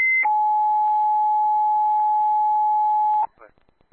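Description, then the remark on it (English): Fire dispatch alert tones over a Richmond County radio, the second set of tones for a residential fire alarm call on Norris Road: a short high tone jumps to a long, steady lower tone held for about three seconds, loud and clear, then a voice briefly starts. “Richmond County, 91 to Washington, second tones.”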